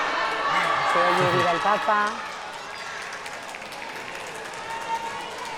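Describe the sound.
Steady crowd applause greets the Pope's affectionate gesture toward families with children, mostly with disabilities, as a dense, even wash of clapping, with a voice briefly rising above it near the start before the clapping continues on its own.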